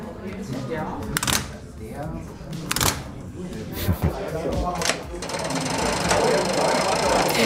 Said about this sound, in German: Ja, so klingt die Einfahrt eines Zuges von Treben auf Gleis 4, rein signaltechnisch. Und die ganzen Hebel und Kurbeln gehören zu einem 7 Meter langen Stellwerk.